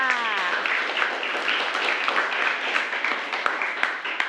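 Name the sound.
class applauding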